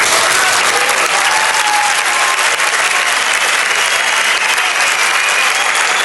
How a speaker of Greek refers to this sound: Ήτανε καλό το χειροκρότημα, πρέπει να το ομολογήσω.